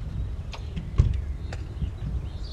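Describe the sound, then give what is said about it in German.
A handful of short, high bird chirps come at scattered moments over a steady low outdoor rumble, faint, with no one talking. “hört ihr die Vögel zwitschern eigentlich?”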